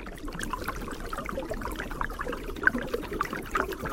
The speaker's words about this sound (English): You can hear that kind of hollow sound of the water running under the ice. Water here is only about 6 inches deep, maybe.